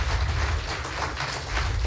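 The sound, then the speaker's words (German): Steady audience applause after a poet's performance at a poetry contest where applause is rated in points, a dense crackle of many hands clapping at once, holding an even loudness for the whole short stretch with no voices over it. “So, wenn ich jetzt diesen Applaus einordnen müsste, würde ich ihn zwischen 7 und 8 Punkten irgendwo vermuten.”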